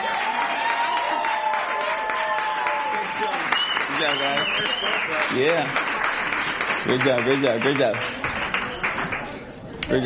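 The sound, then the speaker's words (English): An audience applauds loudly and steadily for a band, a dense wash of clapping that fills the whole clip, with cheering voices and shouts rising over it at moments. “One more time. Nice and loud for the ….”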